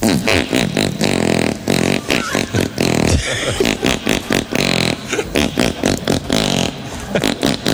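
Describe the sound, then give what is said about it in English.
A loud, steady run of squelchy, pitched arm-fart noises, made by a woman using her arm, beats out the Jingle Bells melody in quick rhythmic bursts, with brief gaps between phrases. It is an act from the Red Faces talent segment. “So very first one, it's a woman singing Jingle Bells using her arm to fart.”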